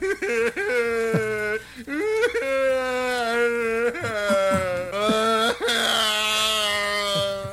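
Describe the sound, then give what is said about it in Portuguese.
Loud, drawn-out wailing and sobbing from a single voice, rising and falling in long wavering cries with brief catches of breath between them, continuous for several seconds. “Cadê o choro?”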